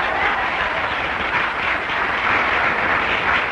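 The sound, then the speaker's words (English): A large crowd claps steadily, a dense, continuous wash of applause that stays loud and even throughout, with no one speaking over it. “I don't like the way you're clapping tonight.”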